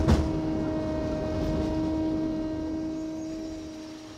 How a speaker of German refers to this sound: Und dieses ständig surrende Geräusch und einfach Pumpengeräusche von der Hydraulik kannst du auch nicht vermeiden.